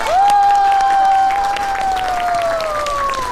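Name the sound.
classroom applause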